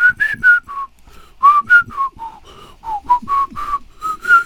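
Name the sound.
whistled melody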